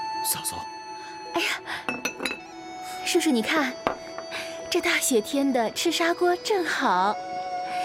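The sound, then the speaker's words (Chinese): Dishes and cups clink and clatter in quick, bright bursts as food is served for a meal with drinks, while voices talk over the tableware throughout. “菜来了，叔叔，你哥哥不在家正好，咱们两人就清清静静的喝上一杯，省得看着他添堵。”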